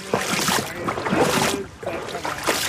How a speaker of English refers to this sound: I'm wading through the Norwalk River